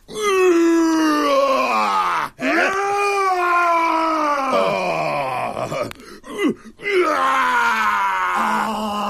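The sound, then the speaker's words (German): A person voices a loud, drawn-out imitation roar: a strained, throaty cry whose pitch rises and sags, broken by a couple of brief catches for breath, then resumed with force. “Das ist ein schönes Brüllen.”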